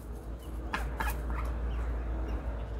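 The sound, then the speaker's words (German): A duck that nested in a flower pot on a balcony gives a couple of short, harsh calls, followed by a few faint, high peeps from its six newly hatched ducklings, all over a steady low rumbling background with no voices. “6 flauschige Küken sind geschlüpft.”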